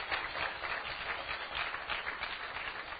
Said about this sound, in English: So you shouldn't be clapping. That shouldn't be a big deal that someone does that, really.